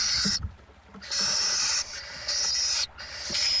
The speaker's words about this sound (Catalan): Mussol comú, Atene noctua. Au que habita els camps oberts durant tot l'any.